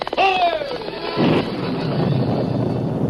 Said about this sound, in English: It was a night of wind, rain, and thunder.